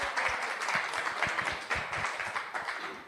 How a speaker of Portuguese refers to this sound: Salve de palmas para ela.